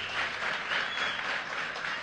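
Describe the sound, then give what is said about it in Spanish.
An audience applauds steadily, a dense wash of many hands clapping at once that holds at an even, moderately loud level throughout, with no voices over it. “tenemos fuerte buena onda aplauso.”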